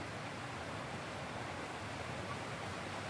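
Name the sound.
mountain stream flowing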